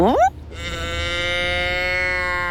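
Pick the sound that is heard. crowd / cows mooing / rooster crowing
cows mooing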